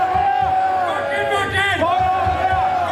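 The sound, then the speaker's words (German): A large festival crowd in the village of Wacken roars steadily after a wedding vow renewal, with applause mixed into a dense wall of shouting and cheering voices, loud and continuous throughout. “Applaus für ein neues Eheversprechen geht über in Applaus für eine alte Tradition.”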